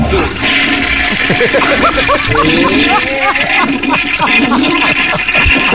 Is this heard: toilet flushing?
yes